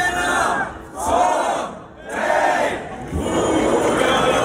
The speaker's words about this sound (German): Ja. Also wer es nicht kennt, hat da vermutlich überhaupt nichts verstanden. Aber so ist das halt beim Schlachtruf zum Lullusfest. Das älteste Volksfest, das wir in Deutschland haben, ist vor einer guten Dreiviertelstunde losgegangen.